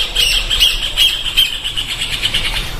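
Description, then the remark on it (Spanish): A rufous hornero calling: a loud, rapid run of shrill, high-pitched notes repeated in a steady, insistent chatter that continues for a few seconds with no voices. “El clásico sonido del hornerito, ¿no?”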